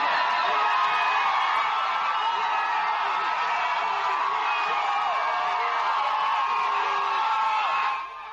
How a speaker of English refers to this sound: This is the crowd that came out massively to welcome the newly crowned African football queens after spending close to a month in Morocco playing six games, winning four in regular time, one through post-match penalty and drawing one,